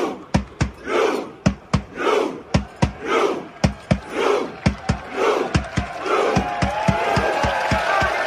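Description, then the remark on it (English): Thousands of Norwegian fans, some in jerseys and Viking helmets, chant the Viking row call in unison, loud shouts of 'row' in Norwegian repeating in a steady rhythm with sharp claps on the beat, the din growing busier and more ragged toward the end. “A lot of Norwegians doing that Viking row.”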